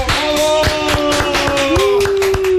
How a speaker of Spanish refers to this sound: Gracias a ustedes. Gracias. Un aplauso. Gracias.